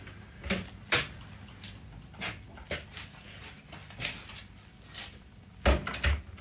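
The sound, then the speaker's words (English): A side door opens, followed by a series of irregular footsteps thumping up wooden stairs that lead straight up to an apartment above a funeral parlor, with a cluster of heavier steps near the end and no talking. “There's a door at the side. Stairs lead straight up to the apartment.”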